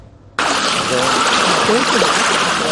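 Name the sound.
water waves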